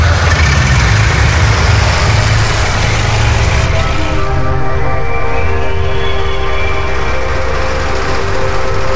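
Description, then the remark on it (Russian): A heavy truck engine roars loudly throughout on a dull, warm day. Its pitch strains and rises partway through as the wheels spin and slip on a road turned to mud after rain. “Дороги раскисли после дождя, колеса то и дело буксовали.”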